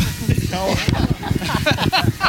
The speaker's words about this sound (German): Also hier ist nur noch Schnauferei. Das waren die Highland Games.